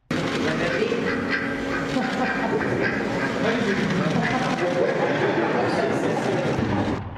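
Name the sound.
duck quacking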